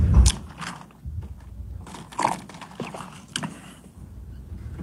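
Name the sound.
sipping water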